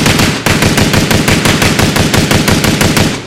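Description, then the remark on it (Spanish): A rapid burst of loud gunshots fired in a steady, evenly spaced string, roughly sixteen sharp cracks in about three seconds, with no voices. “le puse una persona que está disparando y nunca supo cuántos disparos fueron”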